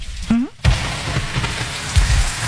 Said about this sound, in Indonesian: Ya hujan, aku boleh neduh di sini dulu nggak?